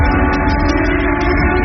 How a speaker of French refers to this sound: Une sirène qui résonne encore dans la tête de milliers d'ouvriers.